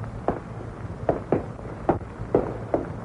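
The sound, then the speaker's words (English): Footsteps on a hard surface, about six distinct steps in a slightly uneven rhythm, a man walking with another pair of footsteps following behind him. Clear, with no voices. “Another pair of footsteps behind him.”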